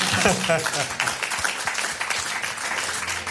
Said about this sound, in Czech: My mu tleskáme.